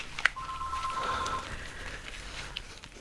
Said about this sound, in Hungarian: Ezt a telefont még felvesszük.